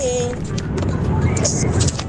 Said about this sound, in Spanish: Saludo a todos los que vamos aquí en el auto.